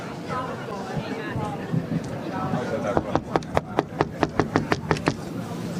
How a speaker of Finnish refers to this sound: koputa siihen, koska mie en uskalla. Nyt, anna mennä. Minä pitää mun koputtaa tuota.